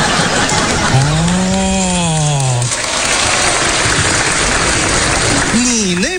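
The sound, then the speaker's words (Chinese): A steady, loud whirring hiss of a bearing keychain spinner, like a fidget spinner, flicked with a phone placed on it to rack up step counts, with a voice humming a gliding tone over it early on and another brief vocal sound at the end. “这个东西的原理啊，它跟指尖陀螺差不多，你只要把手机呢和它轻轻一放，然后我们这么一拨，无限刷步。”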